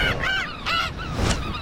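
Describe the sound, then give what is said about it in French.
Gull calls from a large gull arriving over a small sandy beach where people are picnicking, a few loud, harsh, nasal squawks in quick succession, ringing over a steady rushing background noise with no voices. “Le goéland arrive au-dessus d'une petite plage de sable où des gens pique-niquent.”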